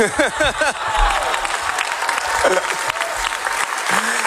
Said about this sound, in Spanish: El director Sorogoyen agradeció en francés la ovación y también en español.